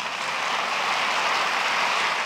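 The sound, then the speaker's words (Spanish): An audience breaks into loud, sustained applause, a dense and steady wash of many hands clapping that holds evenly for a couple of seconds with no voices over it. “Y le dieron a Jesús un aplauso enorme.”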